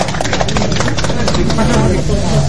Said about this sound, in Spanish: Bien, bien, fuerte los aplausos entonces en esta gran base central.